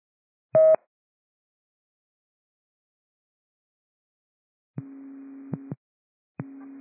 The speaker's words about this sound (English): This will be cancellation tones for the Charlie Bleed at 7465 Skagitview Drive.